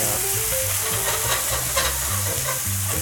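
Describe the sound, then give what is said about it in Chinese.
Steady sizzling of potato-based dough pieces and vegetables pan-frying in a hot pan. A continuous crackling hiss lasts the whole moment, with faint clatter of stirring underneath and no voices. “过来落去煎哦。”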